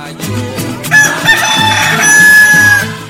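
A rooster lets out one long, drawn-out crow that rises and holds for a couple of seconds, sounding fairly loud, with a steady rhythmic beat thumping underneath.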